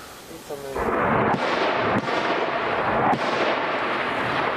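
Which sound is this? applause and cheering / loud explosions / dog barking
loud explosions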